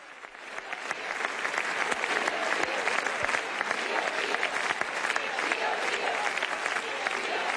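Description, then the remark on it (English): A crowd in Gran Canaria, Spain, welcoming Pope Leo on his visit, claps steadily and densely, a dense wash of many hands that swells in the first second and then holds at an even, loud level without pause. “This is a very long round of applause.”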